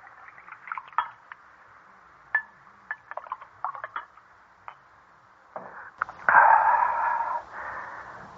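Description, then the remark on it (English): Light glassy clinks and taps tick out irregularly for several seconds, then a steady, louder gush of wine pours into a glass by candlelight, splashing before tapering off. No one speaks. “All right, sit down and pour the wine”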